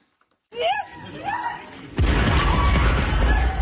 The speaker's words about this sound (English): Passengers run away from an explosion that destroyed a train in the far west of Ukraine.